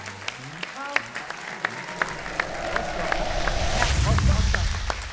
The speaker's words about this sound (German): Applaus